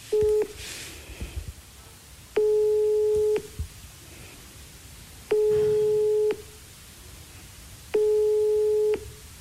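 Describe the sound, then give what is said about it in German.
A telephone ringing tone from an outgoing phone call: four steady, one-second beeps at an even, unhurried pace, heard clearly over a faint background hiss, with no one talking. “wir versuchen es jetzt einfach mal mit Christine Wegener am Telefon”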